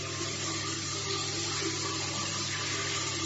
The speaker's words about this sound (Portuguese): E as duas entraram de roupa e tudo debaixo do chuveiro e tomaram aquele banho gostoso.